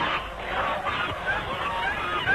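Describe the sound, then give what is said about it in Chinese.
A flock of white geese honks and cackles in a dense, agitated jumble as a man on a bicycle crashes into the flock, steady throughout, with a few sharper calls rising near the end. “终于冲进了鹅群”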